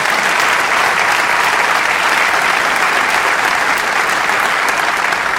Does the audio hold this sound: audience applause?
yes